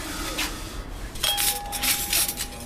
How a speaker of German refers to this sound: Im Gastraum deckt einer der Mitarbeiter gerade die Tische ein. Zum Geschirr mit Goldrand gibt es zusammengewürfeltes Besteck.